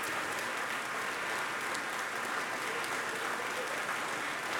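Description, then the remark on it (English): Sustained applause from a large audience in Bennett Gordon Hall as a female performer comes back on stage to acknowledge it, a dense, steady wash of clapping that holds at an even loudness throughout, with no voices rising above it. “She's back on stage acknowledging the applause here in Bennett Gordon Hall.”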